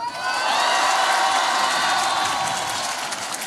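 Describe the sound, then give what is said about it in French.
A large crowd at a Jean-Luc Mélenchon (La France insoumise) rally applauds and cheers loudly as he lists his economic measures: a dense, sustained roar of clapping with whoops and shouts rising over it, steady throughout. LFI claims 12,000 people attended. “Exactement, devant un public acquis à sa cause, l'insoumis égrène ses mesures dans un tonnerre d'applaudissements.”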